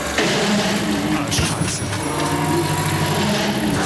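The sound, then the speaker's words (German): A car engine hums and pulls away under steady road noise, with a brief clattering crash partway through as a Harley-Davidson motorcycle tips over. Voices murmur faintly. “Jetzt ist auch so dieses Motorrad umgefallen von dieser, wie heißt diese teure Motorradmarke nochmal?”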